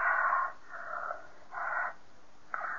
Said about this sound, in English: This is where her breathing gets heavier. You'll see.